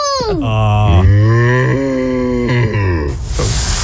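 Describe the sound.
A person imitates a cow with a long, low, wavering moo that holds steady for a few seconds, then breaks into a short breathy ending. Loud and alone, with no other talk.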